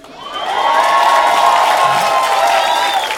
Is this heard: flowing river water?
no